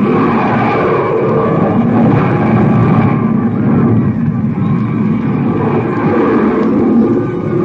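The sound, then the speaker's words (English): A loud, steady rocket roar from the ship from Mars as it comes in to land on a field, arriving from the east. The ship is 18 to 20 stories tall and several city blocks long. A dense rumbling engine blast holds without pause, powerful, with slight surges in intensity as the craft descends. “There they are. They're coming in. The landing rocket ship first.”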